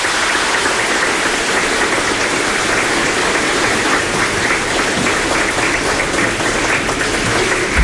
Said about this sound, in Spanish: Feliz Día de la Madre. Un aplauso para las madrecitas.